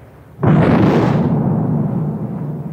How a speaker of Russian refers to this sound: Есть. Верный залп. Сейчас он даст больше полтора. Точно. Сейчас перейдет на поражение.